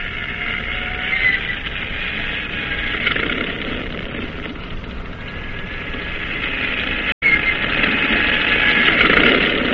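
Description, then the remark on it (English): A propeller plane engine on a cruiser's catapult starts and drones steadily and loudly, a dense continuous roar with a throbbing low rumble and whining high tones, running throughout with a brief cut near the end. “The propellers are whirling disks of light as the pilots climb aboard, settle down, and fasten their safety belts.”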